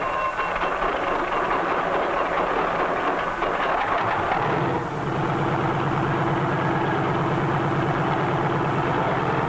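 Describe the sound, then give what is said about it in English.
A helicopter engine is started by a self-starter. It whines and clatters loudly through startup, then settles about halfway through into a steady, throbbing idle with a low rhythmic drone as it is carefully warmed up before takeoff. No voices are heard. “A self-starter starts the engine, and after a careful warm-up, we're ready to take to the air.”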